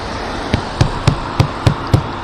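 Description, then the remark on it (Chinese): Hands pound hard on a door or window to rouse an unresponsive person who gives no response, six heavy, evenly spaced thumps in quick succession, loud over a steady low background hum. “怎么拍都不行，怎么拍都没反应啊！”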